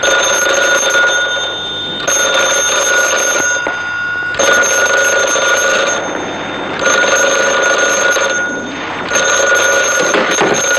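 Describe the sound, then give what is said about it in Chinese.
A loud telephone bell rings in repeated bursts of about two seconds each, separated by short pauses, with a bright, harsh metallic jangle and no voices. “立定， 接电话。”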